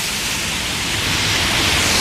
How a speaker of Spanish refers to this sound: Acabo de salir y está bien fuerte la lluvia.